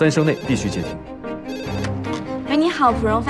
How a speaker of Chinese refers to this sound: 电话铃响，三声内必须接听。